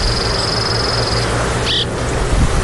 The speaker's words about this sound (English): The happy sounds of the cliff swallows nesting in their mud nests. Clicky, snappy.